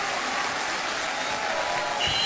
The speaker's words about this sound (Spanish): Un aplauso fuerte.